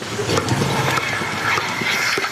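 A heat-stressed dairy cow at the Biohof Gropper organic farm in Pfaffenhausen makes short, hiccup-like jolts, a few abrupt catches spaced irregularly over a steady rushing, noisy background.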